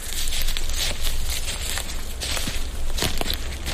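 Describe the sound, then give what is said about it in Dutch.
Footsteps crunch and rustle through dry leaf litter on the floor of a beech forest, an uneven walking rhythm of soft crackling steps over a constant outdoor background hiss. “En wat voor bos lopen we nu eigenlijk? Ja, dus dit is een beukenbos.”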